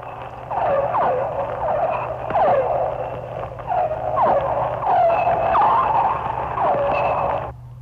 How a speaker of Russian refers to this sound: Это дельфины. Крупные дельфины. Гринды. Это охотится, вероятно, гринда и издает звуки такие локационные, с помощью которых она ищет добычу.